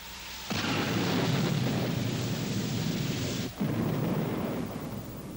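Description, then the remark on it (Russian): A loud thunder rumble from a thunderstorm bursts in abruptly and roars steadily for several seconds, dips for an instant, then rolls on before easing slightly at the end. No one speaks. “Я же говорил, что гроза нам поможет.”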